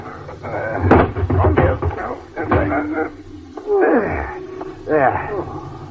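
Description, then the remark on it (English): A lorry door is handled and closed: a sharp clank, then bursts of rattling and scraping metal, with a drawn-out, dropping hinge creak and further clattering bumps. “Now we close the door.”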